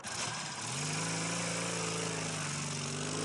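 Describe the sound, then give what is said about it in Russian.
A motorcycle with a sidecar hums steadily, carrying two men as it turns first toward black rocks and then swings around toward a white cliff. Its pitch lifts briefly at the start before settling into a continuous droning rumble with no voices. “Мотоцикл с Казадоевым и Горбунковым в коляске поворачивает сначала к черным камням, потом разворачивается к белой скале.”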